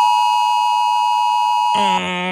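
A loud, steady electronic warning tone holds for over a second, then abruptly switches to a harsher, buzzing alert signal. It is an emergency alert warning tone for the Warntag (warning day) in Baden-Württemberg, with sirens and phone alerts. No voices.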